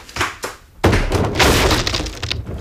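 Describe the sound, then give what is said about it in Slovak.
A door is kicked in: two dull thumps, then a heavy crash with loud splintering and clattering that continues in a rough, noisy burst until the end. “Mám vyvaliť dvere?”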